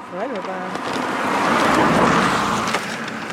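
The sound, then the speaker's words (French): A car rushes past at full speed on a roadside at La Croix des Femmes Mortes, its broad roar swelling to a peak and fading as it speeds away. A brief voice is heard at the start. “Il y a du passage. Les voitures nous frôlent et filent à toute vitesse.”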